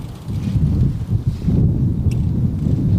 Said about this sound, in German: Der Wind bläst heftig auf dem früheren Formel-1-Rennkurs bei Zolder, das gut 45 Kilometer westlich von Maastricht entfernt liegt.